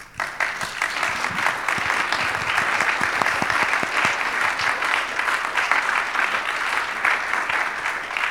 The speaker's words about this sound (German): Applaus vielleicht?